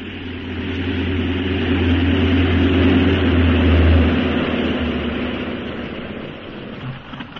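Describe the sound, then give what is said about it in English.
A propeller airplane drones steadily overhead, its deep engine hum and broad roar swelling to a peak midway and then gradually fading as it comes in to land at a military airport, a cantonment, in Hyderabad, with no voices. “I better get back into your seat. We're landing.”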